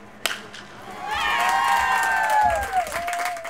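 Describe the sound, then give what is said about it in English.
Parents cheer and shout at a Little League baseball game for a Tijuana Little League team representing Mexico. High, sustained whoops and yells rise over a loud, steady roar of voices after a sharp opening crack. “These parents aren't cheering for just any Little League baseball team.”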